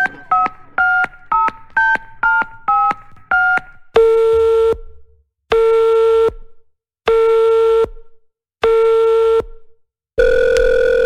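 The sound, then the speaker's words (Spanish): A rapid string of touch-tone dialing beeps gives way to a phone call failing to connect because the dialed number is unavailable: four long, steady buzzing tones separated by even pauses, loud, with no voices. “Ha sido imposible realizar la conexión. El teléfono marcado no se encuentra disponible en este momento.”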